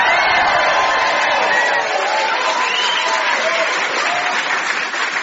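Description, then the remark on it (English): Loud, sustained applause from a large audience welcoming a musician, with cheering and some high-pitched screams and whoops riding over the clapping throughout. “To help me investigate patience, please welcome, first of all, with applause and a little bit of screaming like you do with rock stars, our musician ….”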